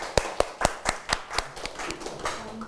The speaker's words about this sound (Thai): ถูกต้องนะครับปรบมือให้เพื่อนด้วยนะครับ